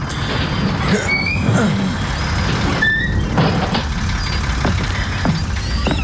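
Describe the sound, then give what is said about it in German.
A bus rumbles to a halt at a large semicircular square, brakes squealing in short high whines over a steady engine drone, with bursts of hissing air as the air brakes release. “Der Bus hielt.”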